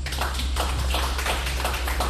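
A crowd applauds steadily, a dense wash of many overlapping claps with no pauses, moderately loud and continuous throughout, with no voices heard.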